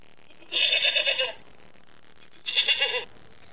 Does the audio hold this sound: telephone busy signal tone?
no